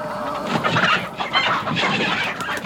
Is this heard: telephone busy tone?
no